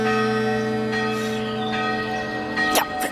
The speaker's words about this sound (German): Wie eben die erste Glocke, die man aus Metall gegossen und nicht mehr aus Blech zusammengenietet hat. Stell dir vor, eine Glocke aus Blech. Die hat gar nicht richtig getönt, mehr so gekesselt oder gekleffelt.